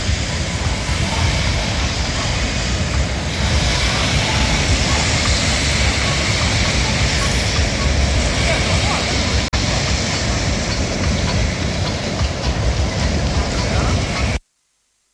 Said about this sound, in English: That's the sunset and the beautiful waves.